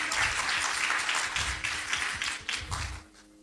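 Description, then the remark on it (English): An audience applauds the Lord with dense, steady clapping that holds at full volume for about three seconds, then quickly fades out. “Dale un aplauso al Señor. Give an applause to the Lord.”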